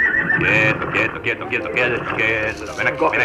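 A horse whinnies loudly, a long, quavering neigh that rises and wavers for a few seconds with no pause. It is the father's horse.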